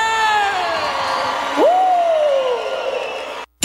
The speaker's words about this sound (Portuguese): salva de palmas pra você!